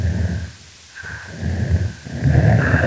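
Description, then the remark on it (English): An adult female snapping turtle gives low, breathy chuffing puffs broken by a deeper rumbling growl, fairly loud, with a brief quieter gap before the growl swells again. No one speaks. “Here we hear an adult female snapping turtle engaging in a chuffing vocalization, and it's punctuated by a different call type, which we call a growl.”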